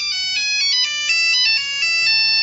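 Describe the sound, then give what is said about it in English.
A phone rings with a bright electronic melody of stepping, overlapping tones, steady and fairly loud, playing continuously with no voices over it, at the start of what is presented as an illegally taped intercept of Brian McFadden's phone call to Kerry. “Van Man managed to obtain via the internet an actual illegally taped intercept of Brian McFadden's notorious phone call to Kerry.”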